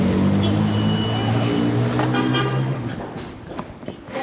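A car engine hums low and steady for a few seconds in Damascus traffic, then eases off and fades, leaving softer street noise and a few faint knocks behind.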